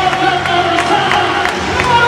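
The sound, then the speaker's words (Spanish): A large stadium crowd roars in a steady, dense wash of cheering, loud and unbroken throughout, with faint tonal calls and whistles rising over the mass of voices. “Oye, ¿ha sido como mucho más ovación a Anthony Gordon?”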